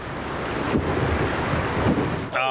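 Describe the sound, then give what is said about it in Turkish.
The hull of a heavily loaded boat grinds and scrapes along a shallow riverbed in a steady, loud rasping rush mixed with water and wind noise, ending with a brief tonal squeal. “Dibe sürtüyoruz. Hadi tekne, ilerlemeye devam et.”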